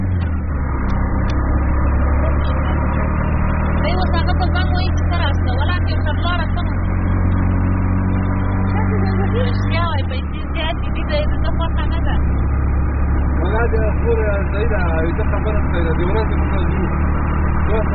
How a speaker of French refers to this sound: On n'arrive pas à les faire entrer dans le rickshaw et on roule comme ça, serrés les unes contre les autres dans l'habitacle. Les ballons flottent au vent.